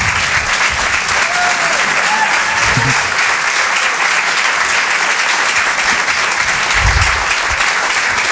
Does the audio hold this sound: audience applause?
yes